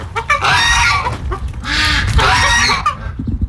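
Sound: hens clucking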